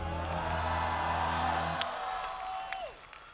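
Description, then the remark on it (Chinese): An audience on the show Singer 2026 claps and cheers for a singer as the winner of the Singer King trophy, in a steady, dense wash of applause with scattered whoops. Sustained musical tones ring underneath and cut off partway, then a single held tone fades. “…也通过本届的演唱拿到了歌王奖杯，我们有请冰冰来分享此刻的心情，掌声给…。”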